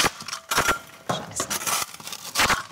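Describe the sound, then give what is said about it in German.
A spatula taps on clay plaster with a hollow space behind it in a handful of irregular, sharp knocks with a dull, door-like ring, fairly loud, with no voices. “Hier zum Beispiel hört man das, dass das klingt, wie als würde man gegen eine Tür klopfen.”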